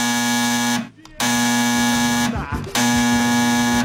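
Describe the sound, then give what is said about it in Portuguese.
A loud, harsh electronic telephone ring with a steady buzzing tone, sounding in three long bursts separated by brief pauses, with no voices. “O telefone tocou.”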